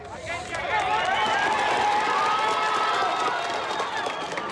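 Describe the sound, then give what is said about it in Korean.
Rescuers and residents standing on a collapsed house burst into sustained cheering and clapping when signs of a survivor are heard in the rubble, loud, with many overlapping excited voices shouting over steady applause for several seconds. “정적 속에 생존자 기척이 들리자 박수와 환호성이 터져나옵니다.”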